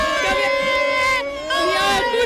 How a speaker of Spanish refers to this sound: Bueno, aquí ya de todo, aquí la gente, estoy metida en corrillo, la gente no para de tirar copas, de gritar, de bailar.